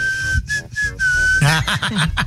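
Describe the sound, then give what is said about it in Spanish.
A person whistles a loud, sustained note in the style of a driver, a few short pulses running into one long held tone, before busier, clattering sounds and voice-like noise take over near the end. “De a silbido, de a chofer, caray.”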